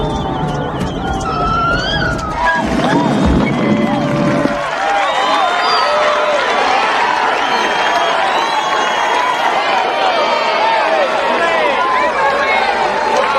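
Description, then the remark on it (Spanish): A large audience at a marine park cheers and claps steadily for a whale show, many excited voices overlapping into a loud, continuous roar that holds for the whole stretch, with a brief low rumble near the start. “Damas y caballeros, presentamos a la superestrella del Parque Marino. Un aplauso para Willy la Ballena.”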